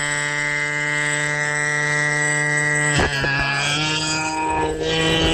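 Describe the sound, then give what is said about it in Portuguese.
A loud, buzzy horn blares in one continuous held tone, rich and nasal, sounded by a caller during a radio show's honking segment, then stutters and shifts in pitch partway through before carrying on steadily to the end, with no voices. “Que buzina mais estranha é essa, mano?”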